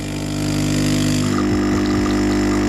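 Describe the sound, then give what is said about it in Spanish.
A coffee machine brewing: a loud, steady pump drone with a low buzzing hum, shifting slightly and gurgling about halfway through, with no voices. “Que por cierto, esto para la industria cafetera, igual ese sonido se puede mejorar.”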